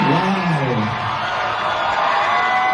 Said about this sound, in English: During Marvel's Comic-Con panel, Ryan Gosling was officially announced as Johnny Blaze, a.k.a. Ghost Rider. He addressed the screaming crowd about the new role.